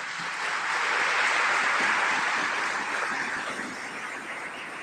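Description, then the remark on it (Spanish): Loud, sustained applause from a crowd, a dense wash of clapping that swells early, holds steady for several seconds, then eases slightly toward the end, with no talking over it. “Le voy a pedir un fuerte aplauso.”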